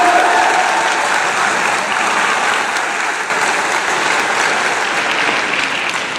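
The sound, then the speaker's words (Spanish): A full hall of men, women, children and young people applauds for themselves, a dense, loud wash of many hands clapping that holds evenly for about six seconds without fading, with no voices rising above it. “Vamos a dar un aplauso, por favor, para todos ustedes los que están aquí.”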